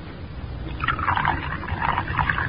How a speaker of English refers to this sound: Now unscrew the top. That's it. Now pour it into the Coco.